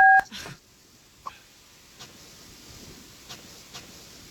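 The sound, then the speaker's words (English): A single loud, short telephone keypad tone sounds at the start as a phone call is placed, then a few faint, spaced-out clicks follow over quiet background hiss, with no one talking. “while we try to get Taylor on the phone, okay?”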